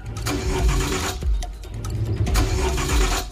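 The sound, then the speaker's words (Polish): A car engine cranks repeatedly without catching while the car sits at a railway crossing with the barriers closed, the starter grinding in uneven bursts with brief pauses, loud, with no voices present. “No nie chcę odpalić, niestety. Rogatki są zamknięte, więc robi się sytuacja, delikatnie mówiąc, stresująca w pojeździe.”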